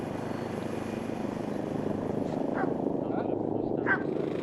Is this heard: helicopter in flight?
yes